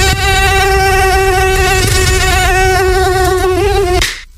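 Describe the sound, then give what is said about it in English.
A loud mosquito whine drones steadily for about four seconds, outdoors in a Canadian summer, its thin high buzz wavering slightly in pitch before cutting off abruptly. No voices are present. “You know, it's summer in Canada when you finally sit outside to relax and instantly become a mosquito buffet.”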